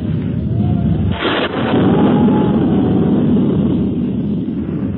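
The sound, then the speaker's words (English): Strong, steady wind around an old castle on a cold day, before a storm, roars and rumbles continuously with a low, gusting drone, briefly swelling into a harsher blast before settling back into a constant, loud rush. “That wind's bad. I'd better hurry and get that picture, else I'll have to give it up.”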